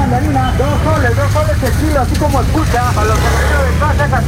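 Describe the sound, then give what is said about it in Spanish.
Heavy traffic congestion on Pedro Ruiz and Alfonso Ugarte avenues in the city of Chiclayo rumbles steadily in a dense, continuous wash of engine noise, with people talking loudly over it throughout. “Esa es la avenida Pedro Ruiz, Alfonso Ugarte, donde se concentra esta gran congestión vehicular.”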